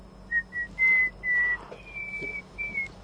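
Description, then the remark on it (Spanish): Someone whistles a Gimnasia song in a string of clear, sustained notes rising and falling in pitch, fairly soft and slow, with a faint low hum underneath and no talking. “Sí, está cantando. Cantando está con el silbido.”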